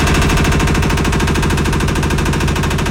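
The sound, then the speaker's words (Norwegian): A washing machine in Brundalen running out of control and moving freely across a bathroom floor, producing loud, rapid, rhythmic banging and rattling that continues steadily for a few seconds with no voices. “Der vaskemaskina går amok og beveger seg fritt over baderomsgulvet.”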